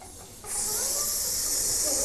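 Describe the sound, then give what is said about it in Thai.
Voices in a lesson about snakes imitate together the hiss a snake makes in documentaries and films: a steady, loud "sssss" that starts after a brief quiet moment and holds unbroken to the end. “แต่ปกติถ้าเราได้ยินเสียงงูตามสารคดีหรือว่าภาพยนตร์เสียงจะเป็นยังไงลองทำพร้อมกันสิ”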